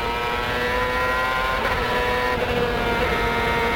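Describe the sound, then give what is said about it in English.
A race car coming off the last corner of a racetrack, its engine roaring steadily at high revs, loud, with a sustained harmonic whine that dips briefly as if shifting, then keeps pulling hard. “Coming off the last corner, let's listen to the engine now.”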